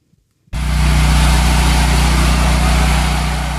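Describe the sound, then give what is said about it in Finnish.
An electric generator in Havana, Cuba, starts abruptly after a brief quiet moment and runs at a steady, loud drone, with a deep hum and strong low harmonics under a broad, noisy roar. “Sähkögeneraattorin hurina. Tuttu ääni Kuuban pääkaupungissa Havannassa.”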